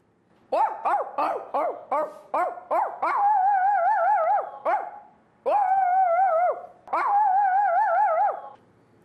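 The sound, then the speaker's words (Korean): A voice imitates a dog, first a puppy with a quick run of about seven short, high yips, then a big dog with three long, wavering whine-like barks, fairly loud with no talking. “저는 아기 강아지랑 큰 강아지를 할 수 있어요.”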